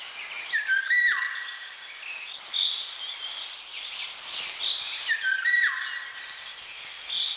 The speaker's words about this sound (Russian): И вот все успокоилось в лесу. Поет Иволга. Повторите вслух это слово. Иволга. Не правда ли? В нем что-то отдаленно напоминает ее песню.